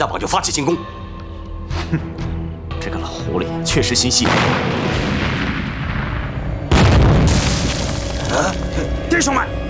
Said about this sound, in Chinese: 哦，对了，刘连长，田秀姑跟田大榜约定的最后的信号是手榴弹爆炸，手榴弹一爆炸，田大榜就发起进攻。